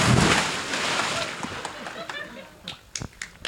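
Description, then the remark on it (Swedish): A loud, broad splash as a person jumps into water that is 23 degrees warm, fading into churning sloshes and a scatter of sharp little drips and slaps over the next few seconds. “Men du får hålla i micken så hoppar jag i här nu då.”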